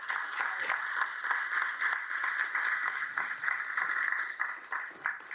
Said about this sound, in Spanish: Saludo y felicito al ministro Vinelli, porque él, un aplauso para él.